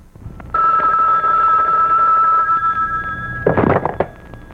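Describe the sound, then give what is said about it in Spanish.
A telephone rings loudly and steadily in an office for about two seconds, its bright tone lingering faintly afterward, followed by a short clattering thump near the end. No one speaks. “Conteste el teléfono, frijol.”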